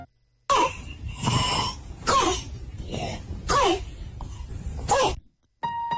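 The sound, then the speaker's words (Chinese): A child's harsh, barking croup-like cough, the typical symptom of acute laryngitis, repeats about five times in loud, hoarse bursts spaced roughly a second apart, each with a strained, honking tone, with no talking. “这种像小狗叫一样的叫犬吠样咳嗽，就是急性喉炎的典型症状。”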